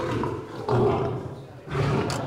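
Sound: lion roaring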